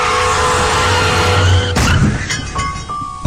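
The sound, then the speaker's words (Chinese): A car brakes hard with a loud, sustained tire screech, ending in an abrupt crunching impact followed by a few scattered rattling and clattering sounds. “一旦遇到紧急情况，刹车至少需要20米。”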